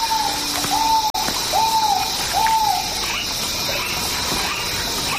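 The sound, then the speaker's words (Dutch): A rail calls from low in a wet marsh, giving a short series of hollow, arched whistling hoots, about four in a row with brief gaps, over a steady buzz of insects that continues after the calls stop. “Dus ja, dit is waarschijnlijk een ralachtige die we nu horen.”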